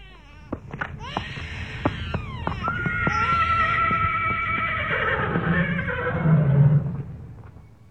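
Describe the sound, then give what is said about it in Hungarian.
A horse neighs loudly and at length, a long whinny with descending, wavering tones. Sharp hoof clicks and a low rumble run underneath, and no one speaks. “Herbert! Előtt fogd ki a lovakat!”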